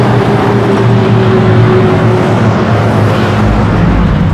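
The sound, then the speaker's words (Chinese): A car engine hums steadily from inside the vehicle while a father drives, a continuous low drone with a faint rising tonal whine, loud with no voices. “爸爸在开车呢，一会儿再跟你玩。”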